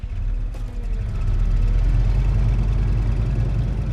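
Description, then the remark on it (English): A car engine rumbles, a brief clunk sounds early on as the car is put into gear, and then the engine builds steadily louder as the vehicle drives off. No one speaks. “He puts the car into gear and drives off.”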